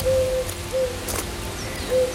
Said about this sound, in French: On est accueilli par le chant de la Vézère, par les oiseaux. On a de la tourterelle